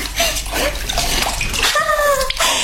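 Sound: running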